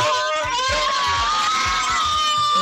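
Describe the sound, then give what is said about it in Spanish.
A family group of voices shouting and cheering together, loud, sustained excited yelling with high-pitched cries mixed in, like a small crowd celebrating with rhythmic low thumps underneath. “Esa es toda la familia. Qué bárbaro. Imagínate. ¿Sí? Así han de haber gritado ayer el gol.”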